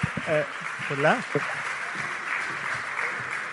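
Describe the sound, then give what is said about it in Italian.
An audience applauds as the president of the Renew Europe group of the European Parliament, Valéria Yeh, is invited on stage, in a steady, dense patter that lasts the whole time, while a man's voice speaks briefly over the clapping near the start. “Un applauso.”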